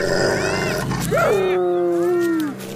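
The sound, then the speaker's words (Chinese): A spotted hyena, a leader showing its presence while food is shared out, growls and lets out drawn-out, wavering roaring calls that rise and fall in pitch, loud, filling the short moment without pause. “这也正是头领展示存在感的时机，虽然通常情况下仅仅是几声咆哮和有力的抓挠足矣。”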